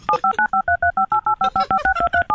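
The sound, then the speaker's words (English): A fast string of about fifteen telephone keypad tones, each a short, steady dual-pitched beep separated by brief gaps, played quickly in an even rhythm with no talking. “Are you ready to tally the tones?”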